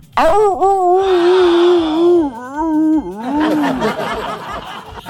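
A wolf howls in long, wavering, mournful notes that dip and rise in pitch, with a second shorter howl following and a rougher, breathy noise at the end. No one speaks.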